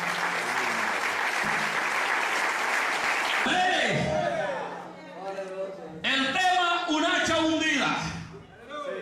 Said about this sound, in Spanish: ¿Cuántos alaban al Señor en esta hora? Denle un fuerte aplauso al Señor, hermanos.